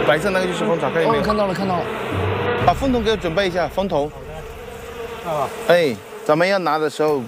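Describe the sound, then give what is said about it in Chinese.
A steady hum of honeybees buzzing around an opened hive, a continuous insect drone running beneath people talking throughout, as the hive is smoked and honeycomb is taken. “好，这是咱们的蜂箱，也算是历尽千辛万苦了，终于找到这个蜂箱了。”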